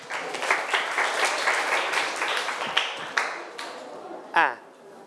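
students clapping applause

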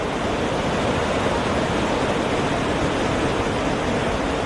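roaring waterfall

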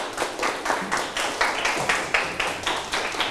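classroom clapping

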